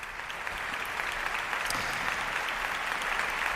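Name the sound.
opera audience applause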